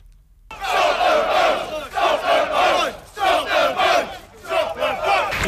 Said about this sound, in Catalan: És el crit "Atureu les embarcacions". Una consigna que han cridat centenars de manifestants vestits de negre i han passat muntanyes per bloquejar avui al migdia durant una estona els accessos al port anglès de Dover en protesta per l'arribada